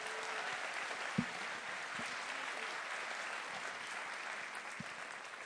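An audience claps steadily for a film's cast, a dense wash of many hands applauding at an even level for several seconds, with a few sharper individual claps and faint voices mixed in.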